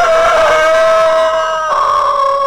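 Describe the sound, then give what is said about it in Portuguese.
A rooster called 'galo topete' crows in one long, loud, drawn-out call with a steady mid-high pitch, a brief shift partway through, then holding on to the end. No talking. “Ô, seu Acilo, olha como o galo topete tá cantando bonito.”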